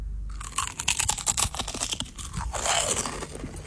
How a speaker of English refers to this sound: I can crunch one of the chips if that would help. Crunch one. Okay. All right. No pressure. I'm gonna bite the chip. Bite into the chip.